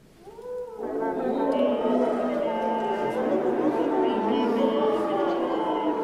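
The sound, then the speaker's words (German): Brass instruments sound with voices sung into them, giving a buzzing, multiphonic, howl-like chord that swells in after a soft opening tone and holds steadily loud with shifting, gliding pitches. “Oder manchmal wollen die Komponisten und Komponistinnen auch, dass die Blechbläser in ihre Instrumente reinsingen.”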